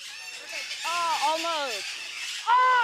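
Birds being tamed squawk in harsh, wavering cries: a faint call, then a longer rising-and-falling squawk, and a louder burst near the end, all over a steady background hiss.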